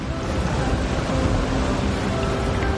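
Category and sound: nature, ocean waves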